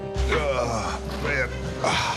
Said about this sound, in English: the groan as I sit down.